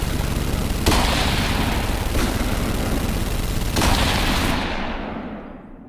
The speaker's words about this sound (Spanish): Sin tiempo para reaccionar, un disparo surca la bahía. 2 segundos más tarde suena una ráfaga de disparos interminable.